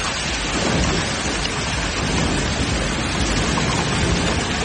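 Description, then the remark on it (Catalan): Heavy rain pours steadily in a dense, continuous hiss while low rumbles of thunder roll underneath, a loud evening thunderstorm over the Tarragona counties, Cerdanya and Terres de Ponent in Catalonia, with no voices. “Així sonava la tempesta que va descarregar i al vespre a les comarques de Tarragona, també a la Cerdanya o les Terres de Ponent.”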